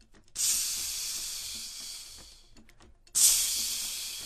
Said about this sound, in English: So that was obviously frying.